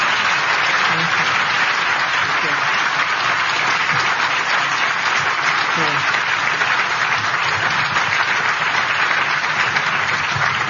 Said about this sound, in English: First, another round of applause for Judy. Thank you. Thank you.